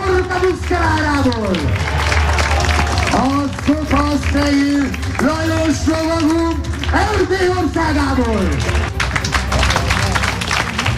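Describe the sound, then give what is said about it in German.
A crowd claps steadily at an outdoor medieval knight tournament with horses at a castle near Lake Balaton in western Hungary, while a loud, amplified announcer voice calls out over the applause, which forms a dense, continuous wash throughout. “Ja, Applaus für die Pferde und die Ritter dieses mittelalterlichen Spektakels auf der Burg Schümerk nah am Plattensee.”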